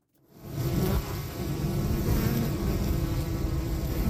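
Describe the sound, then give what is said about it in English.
A dense, steady drone of many honeybees humming together at a backyard hive behind a neighbour's fence in a city, a low buzzing that swells in within the first half second and holds at an even, continuous level with no voices. “Well, if you walk down a street here on a summer afternoon, you might hear a faint collective hum coming from behind a neighbor's fence.”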